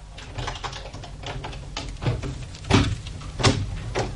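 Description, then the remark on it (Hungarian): A key scrapes and clicks in a lock, followed by a door opening with a couple of sharper knocks near the end; moderately loud, with no voices. “Fordítsátok meg a kulcsot a zárban, és az ajtó kinyílik.”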